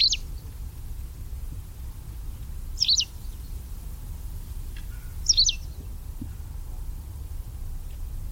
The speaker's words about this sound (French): c'est le pipit des arbres, qui fréquente les forêts claires